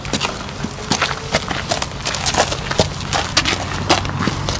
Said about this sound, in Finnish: Nämä askeleen äänet kuuluvat lämminveri ruunalle nimeltään Paavo.